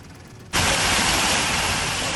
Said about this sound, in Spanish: Y con esta fuerza caía el agua en Hellín, en Albacete.